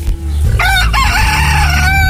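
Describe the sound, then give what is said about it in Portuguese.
A rooster crows loudly, one long drawn-out cock-a-doodle-doo with a rising start and a sustained, wavering finish, over a steady low background hum. “Ô galinho ardido, canta Godofredo.”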